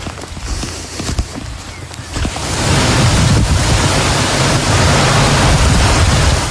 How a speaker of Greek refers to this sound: Στην ευρύτερη περιοχή της Λάρισας, η χαλαζόπτωση σε συνδυασμό με την ισχυρή βροχόπτωση φέρνουν απόγνωση. Χαλάζει έντονο.